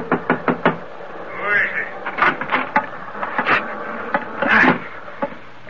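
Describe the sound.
Four quick, loud thuds against a ship's chart room door in a tight rhythm as someone forces it open, followed by scattered knocks and scraping under muffled voices.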